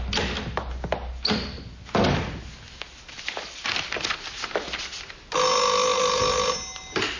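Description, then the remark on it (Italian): A telephone rings with an international call for a professor: a sustained, bright electronic trill starting after several seconds of knocks, door sounds and shuffling movement, the ring loud and steady until the end. “Professore, c'è un internazionale per lei”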